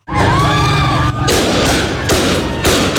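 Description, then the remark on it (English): A crowd of protesters, men and women, shouts and screams in the street in Herat, then sharp, loud bangs of live gunfire from Taliban forces dispersing the protest burst out repeatedly, each crack cutting through the chaotic noise. “Live fire is used to disperse the crowd.”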